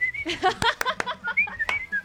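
Someone whistles a lively, wavering tune while clapping, with several sharp claps punctuating it, and faint background murmur underneath.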